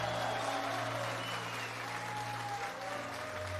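An audience claps steadily throughout, a dense, even wash of applause that holds at a constant level for a few seconds, with a low sustained musical hum underneath.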